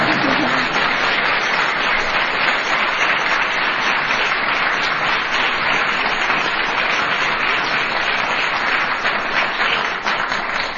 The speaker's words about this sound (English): I also want to recognize everyone who took part in this first AI contest. Students, educators, parents, and administrators. Yes, you could applaud.